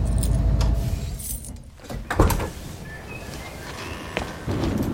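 A van's low engine rumble cuts out near the start as it is switched off after being pulled over by police, followed by a sharp click and a light jingle of keys, then quiet interior noise with a few soft knocks.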